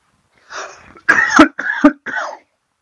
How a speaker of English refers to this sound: Oh, I thought you could cut the cough out. I thought I held it long enough that you could.